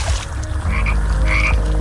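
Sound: frog croaking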